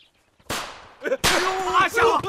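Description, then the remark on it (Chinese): Sharp, loud bangs from firecrackers lit by a young man: one burst, then a rapid crackling string of firecrackers, with what sounds like a raised voice mixed in under the noise. “哎，队长，是那小子把鞭炮给点着了。”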